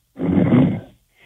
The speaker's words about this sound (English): He's sleeping. You can hear him snoring in the background,